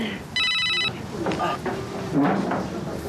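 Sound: phone ringing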